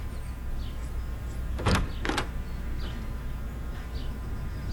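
A door is unlocked with a key and opened: two sharp metallic clicks about half a second apart, with nothing but a quiet, steady background around them and no voices.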